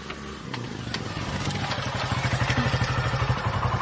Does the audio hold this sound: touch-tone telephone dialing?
no